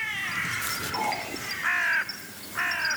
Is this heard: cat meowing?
no